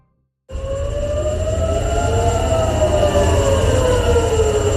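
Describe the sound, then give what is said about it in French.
Air raid sirens wail loudly and steadily across Tel Aviv in the morning, amid renewed direct attacks between Israel and Iran, their tones overlapping and slowly sliding, with a low rumbling background beneath and no voices. “Des sirènes que l'on entend qui ont retenti à nouveau ce matin à Tel Aviv.”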